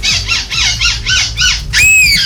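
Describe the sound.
A human voice imitates a seagull's cry at a seagull-call imitation competition in Belgium with over 70 participants from different countries: five quick, shrill, arching squawks in a steady rhythm, then a longer, louder high-pitched wail to finish.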